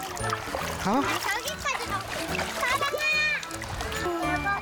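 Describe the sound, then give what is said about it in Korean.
Children splash and play in a valley stream during a family outing, a steady churning slosh with bright, high-pitched kids' shouts and squeals rising over it throughout. “먼저 과일은 물속 천연 냉장고에 담가 놓고 본격적인 물놀이를 시작합니다.”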